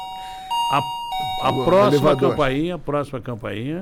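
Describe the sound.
An electronic doorbell chime sounds a few stepped, steady tones up close, quickly followed by a voice making loud, wavering, sing-song vocal sounds over the fading chime.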